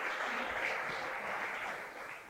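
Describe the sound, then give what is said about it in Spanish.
An audience applauds steadily, a dense wash of many hands clapping at once, loud and continuous throughout with no voices standing out. “Dele ese fuerte aplauso, no se me quede ahí quieto, sino creámosle al Señor.”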